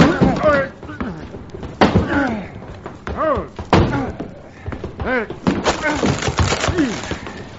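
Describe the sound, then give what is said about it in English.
A closet door being forced open to free someone locked inside: a series of heavy thuds and cracking blows at uneven intervals, with men grunting and straining between the impacts. “Come on, lay into this door.”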